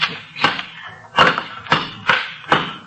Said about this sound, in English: Here, take this crowbar and knock that wall down.